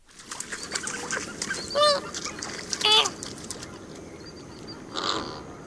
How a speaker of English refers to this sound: Thank you to the Cornell Lab of Ornithology for the flamingo bird call.